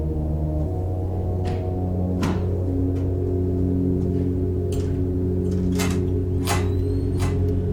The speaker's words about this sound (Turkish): Su ısıtıcısı.